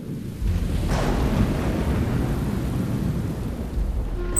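After a brief quiet start, a steady roar of heavy rain sets in, with a deep rumble of thunder underneath that holds steady and loud until the end.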